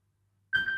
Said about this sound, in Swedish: Det ringer, det ringer. Hør, hvem kan det være? Ja, hallo?